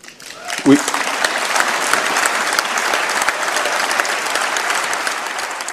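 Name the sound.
applause in parliament chamber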